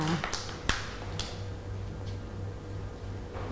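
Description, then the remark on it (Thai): A few scattered, soft handclaps from children in a classroom ring out irregularly over a quiet murmur, not building into steady applause; the children are clapping for a classmate. “เก่งมากค่ะเด็กๆปรบมือให้น้องกันด้วยค่ะ”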